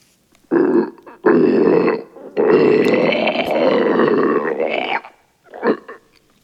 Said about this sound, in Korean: 괴수의 목울대에서 끓는 듯한 소리가 계속 흘러나왔지만 체령이 다가오면 놈은 한 발 뒤로 물러섰다.